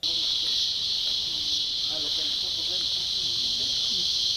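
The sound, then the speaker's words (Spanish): Male cicadas sing by stridulation in a loud, steady, high-pitched buzzing drone that holds unbroken from start to finish, with faint low background sounds murmuring beneath it. “Antes y durante la temporada de lluvias, el sonido de las cigarras o chicharras domina el paisaje sonoro en los bosques y áreas naturales en zonas urbanas.”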